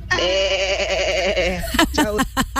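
A sheep calling for food lets out one long, loud, quavering bleat, followed by a few short, choppy vocal sounds.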